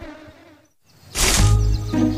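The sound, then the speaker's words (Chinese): Bees buzz loudly, a dense droning hum that swells suddenly after a brief near-silence and holds steady to the end. “跟着蜜蜂找蜂窝，有蜂窝就有蜂蜜。”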